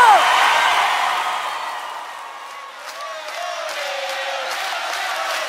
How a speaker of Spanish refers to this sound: Gracias. ¡Fuerte el aplauso!